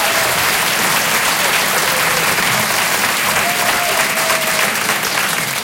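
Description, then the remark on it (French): A large audience claps steadily throughout, a dense, even wash of applause at consistent volume with a faint murmur of voices beneath it. “N'applaudissez pas !”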